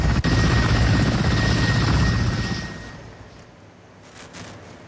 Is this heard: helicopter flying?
yes